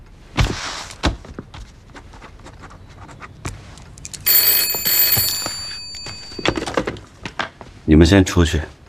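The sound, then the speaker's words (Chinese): An old-style telephone bell rings in one shrill, rattling burst lasting under two seconds, surrounded by people talking and scattered knocks and shuffles. “你们先出去，我接个电话。”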